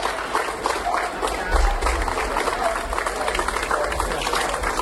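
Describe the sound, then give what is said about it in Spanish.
A crowd applauds steadily, dense overlapping clapping with scattered voices and cheers mixed in, sustained at an even loudness throughout, welcoming the Diputación de Málaga firefighting team during its stopover in Colombia before heading to Venezuela. “El operativo de bomberos de la Diputación de Málaga ha sido recibido así, entre aplausos, en su escala en Colombia, antes de poner rumbo a Venezuela.”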